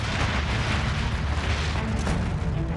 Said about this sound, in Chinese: 考察队员们听到的巨响，其实就是冰崩。冰崩又称冰爆，是南极冰架断裂形成冰山的过程。冰崩产生的隆隆巨响由远及近传来